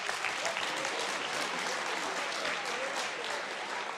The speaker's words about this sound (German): das ist Ihr Applaus.